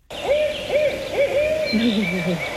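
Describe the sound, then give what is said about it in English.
A barred owl calls a rhythmic series of rising-and-falling hoots, clear, followed by lower, gurgling notes, with a steady insect-like hum in the background and no talking. “So this first one is the barred owl. It sounds like, who cooks for you?”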